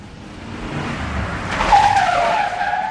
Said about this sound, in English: Then we'll drive around the block and park so we can see his car.